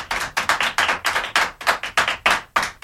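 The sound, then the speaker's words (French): Children applauding: a steady run of bright, crisp clapping bursts at a brisk, fairly even pace, moderately loud, with no voices over it. “Voilà, les enfants vous applaudissent.”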